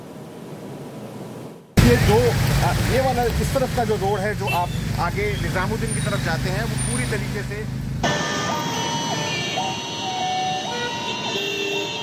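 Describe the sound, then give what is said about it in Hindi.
Heavy road traffic in a traffic jam on Lodhi Road in Delhi, India, during office hours, rumbles steadily and fairly loudly as cars pass, with a continuous engine drone, tonal horn-like or chiming sounds on top, and indistinct voices in the mix. “बहुत ही कम गाड़ियां उसमें से जा पाती हैं क्योंकि जाहिर है बहुत ज़्यादा ट्रैफिक है सड़क पर.”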